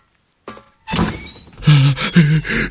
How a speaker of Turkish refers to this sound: Aç çabuk şu kapıyı da girelim kameraya.